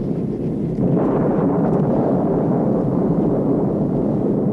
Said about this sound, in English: Hey, this looks like quite a storm.